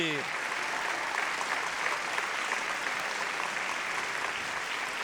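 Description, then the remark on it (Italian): Steady, sustained applause from a crowd for the Cancan of the Maestrocchi, a dense wash of many hands clapping at an even loudness for the whole stretch, with no voices standing out. “Facciamo un grande applauso al Cancan della Maestrocchi.”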